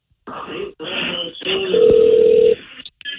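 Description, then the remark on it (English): A steady electronic ring tone sounds through a phone line for under a second on a call to an engineering line. It is a single sustained pitch over a hissy, muffled background, with brief gaps of line noise around it. “Okay, hold on. It's ringing.”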